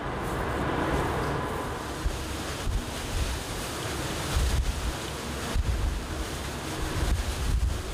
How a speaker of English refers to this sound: He estimates the waves are up to 4 meters high. The higher the swell gets, the trickier it is for us.